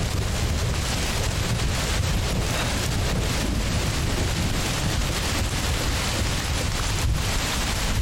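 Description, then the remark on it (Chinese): A sudden rain shower: steady, dense hiss of rain pouring down outdoors during a mountain climb, loud, holding an even level with a faint low rumble of wind beneath it and no voices. “怎么突然下雨了呢？”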